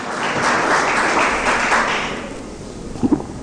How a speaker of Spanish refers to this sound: Denle un fuerte, más fuerte aplauso al Señor.